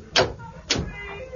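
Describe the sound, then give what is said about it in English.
A door opens with two solid clunks about half a second apart, followed by a faint, drawn-out creak as it swings. “Here's the door.”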